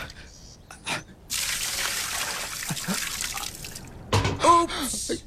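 Water is deliberately spilled out onto the ground in a steady, hissing rush lasting a few seconds, with brief scuffs and faint vocal sounds before and after.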